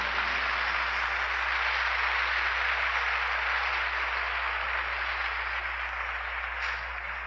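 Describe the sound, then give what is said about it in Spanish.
An audience applauds together in a sustained, dense wash of clapping that holds steady for several seconds before easing slightly at the end, with no voices over it, applauding the Mother at a church service. “Y solo por eso, hermanos, denle un aplauso a la madre.”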